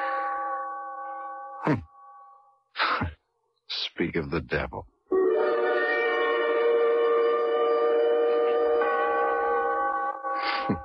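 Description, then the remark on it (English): A malfunctioning chime, going off for the second time this morning, rings with layered, sustained metallic tones, cuts off, then resumes in a long, steady droning peal after a brief spoken remark. “I want to fool around with the works and see if I can get it going and figure out what goes with the chime”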